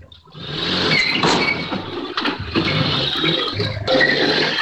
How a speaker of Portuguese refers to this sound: As imagens da câmera de segurança da casa mostram o carro entrando de ré na garagem e batendo de propósito no veículo estacionado. O motorista foge em seguida.